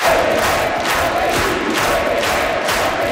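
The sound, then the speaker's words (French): A packed Salon rouge at Quebec's National Assembly cheers and applauds loudly as premier-designate Paul St-Pierre Plamondon enters, a dense, continuous roar of voices and clapping that stays steady throughout, with no single voice standing out. “Le premier ministre désigné est entré sous les acclamations dans un salon rouge plein à craquer à l'Assemblée nationale.”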